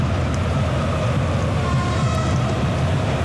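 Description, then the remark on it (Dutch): A steady, heavy rumble of a train passing close by, with a dense low roar and faint metallic whine above it, holding even in loudness throughout with no voices. “De trein in de buurt, die liet nog van zich horen.”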